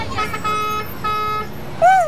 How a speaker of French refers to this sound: Mais dans la rue, il y a beaucoup de bruit. On entend les voitures, les camions, les motos, les klaxons.